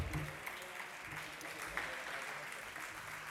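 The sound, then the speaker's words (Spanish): Steady applause from a crowd for the podium finishers of a race at a running circuit awards ceremony, many hands clapping in a dense, continuous wash at an even, moderately loud level for a few seconds, with no one speaking over it. “Un fuerte aplauso para este podio.”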